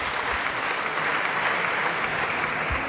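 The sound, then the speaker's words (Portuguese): Loud, sustained applause from PSD deputies seated in parliament after a statement by Palma Ramalho, a dense steady wash of clapping that fills the whole stretch without pause and with no one talking over it. “As ruidosas palmas do PSD, esta afirmação de Palma Ramalho.”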